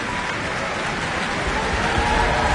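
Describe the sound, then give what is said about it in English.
An audience at an Auckland Philharmonia concert applauding, singling out the bassoonist: dense, steady clapping that holds at an even, fairly loud level throughout, with no voices standing out above it. “That applause picking out Ingrid Hagen, who was playing bassoon and representing the pompous magistrate”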